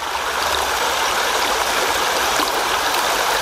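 flowing river water

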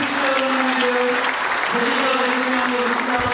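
audience applause

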